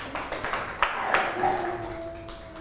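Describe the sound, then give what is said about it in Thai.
Children clap their hands for a child at a teacher's request, in a short, uneven burst of scattered claps at moderate loudness, with a faint ringing tone lingering in the background. “ปรบมือให้น้อง”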